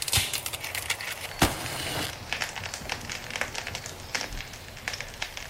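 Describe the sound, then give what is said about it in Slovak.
A fire is being lit and crackles, with irregular pops and snaps over a soft, steady rushing hiss. There's a sharper snap early on, and no one speaks. “Hneď dostaneš teplú polievku, len čo rozložím oheň.”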